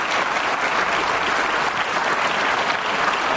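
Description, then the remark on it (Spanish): A crowd claps steadily in applause to God for Pope John Paul II's canonization, a dense, even wash of applause that stays loud and unbroken throughout, with no voices standing out. “A ver, ¿será que le damos un aplauso a Dios por Juan Pablo II, no?”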